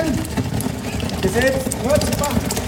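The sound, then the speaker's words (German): Molten bronze bubbles and gurgles as it fills a bell mould from the top at a bell foundry, bubbling strongly at the end as the mould becomes full: a steady, dense rumble full of fast sputtering crackle, with a few faint rising tonal whines and murmuring voices over it. “Das blubbert am Schluss auch ganz schön doll, dass es dann wirklich voll wird.”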